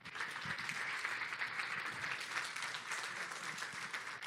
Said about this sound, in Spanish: Denle un aplauso al Rey.